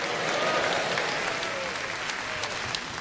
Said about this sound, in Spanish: Desocupen sus manos y glorifique a Dios con los aplausos fuertes. Fuertes para Cristo.